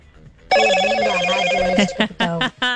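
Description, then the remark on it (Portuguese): A mobile phone notification rings out loudly: a sustained bright electronic tone, then a quick series of short chiming pulses, with no one speaking. “Ó, as notificações aí, ó.”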